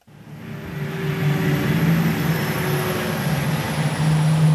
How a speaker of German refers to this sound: Man hört nur ein leises Surren und das Geräusch der Reifen auf dem Asphalt, als der große rote E-Lkw auf den Hof der Spedition Ansorge bei Wiesenhofen rollt.